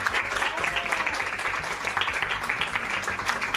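A crowd applauds all the collaborators at an association's 19th anniversary, steadily, a dense wash of many hands clapping at once with no pauses, fairly loud and even throughout, with a faint murmur of voices underneath.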